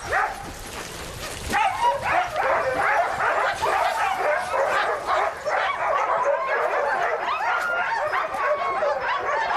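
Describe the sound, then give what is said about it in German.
A pack of sled dogs barks, yips and whimpers continuously, a dense overlapping chorus of excited voices, with a brief sharp burst early on. “Aber ich habe bereits die Welpen für mein eigenes Gespann.”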